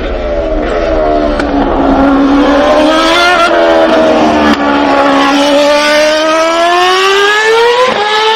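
A loud, high-revving Formula 1 race car engine screams continuously as the car passes, its pitch dipping and climbing again as it shifts and accelerates, with no talking.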